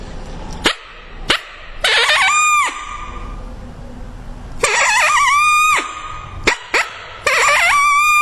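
Sharp coyote-like barks and short, wavering howls produced on a handheld mouth call, imitating a smaller, less dominant coyote, repeated in loud bursts with brief gaps; each howl rises and then cuts off abruptly. No talking.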